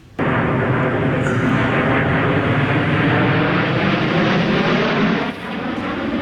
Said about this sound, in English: Meanwhile, nothing will take these down. These planes to cap off the summer-long weekend, the 77th Annual Canadian International Air Show.